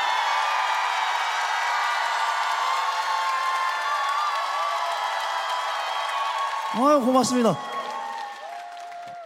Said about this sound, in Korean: 박수치고 함성 지르신 분들 복 많이 받으십시오. 고맙습니다.